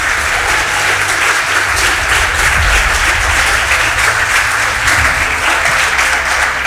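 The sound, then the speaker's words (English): A large crowd claps together for Jesus in sustained, dense applause that stays loud and steady throughout, with no voices standing out. “If you are happy, clap for Jesus.”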